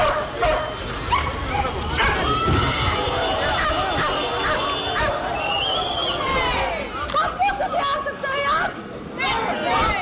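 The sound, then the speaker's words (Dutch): Police dogs bark and yelp repeatedly as police move in with dogs and batons on a group of about 50 demonstrators, amid a loud, chaotic crowd with shouting voices and general babble throughout. “Toen een groep van 50 demonstranten niet wegging en vuurwerk afstak, werd er ingegrepen met politiehonden en wapenstokken.”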